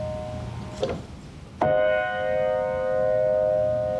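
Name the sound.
train whistle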